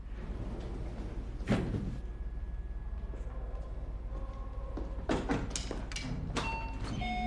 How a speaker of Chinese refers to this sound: 开门